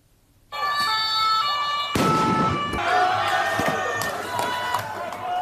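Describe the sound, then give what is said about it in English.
Tear gas canisters fired by police in riot gear, along with water cannons, go off with sharp bangs over a loud, agitated crowd of student protesters in Paris, France, shouting and whistling. The noise is dense and continuous, with several abrupt pops cutting through. “Police in riot gear fired tear gas and water cannons at crowds of protesters in Paris.”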